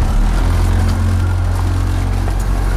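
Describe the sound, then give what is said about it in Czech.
An 8-metre motorboat on the Vltava river, used for a small-craft licence final exam, runs its engine at a steady, loud, low droning hum with a constant throb and no voices, the pitch holding even throughout. “a před námi stojí na hladině Vltavy 8-metrová motorová loď, ve které vy teď budete dělat svoji závěrečnou zkoušku.”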